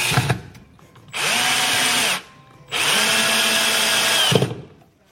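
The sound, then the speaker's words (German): A power drill bores into chipboard panels while a bookshelf is being built, in two loud bursts, each about a second or two long, its motor whining up to speed with a grinding rasp, separated by a brief pause. “Bohren und Schrauben oder sägen?”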